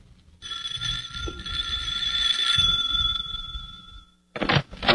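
A house doorbell rings in one steady, high buzzing tone for nearly four seconds, then cuts off and is followed by a brief rustling clatter.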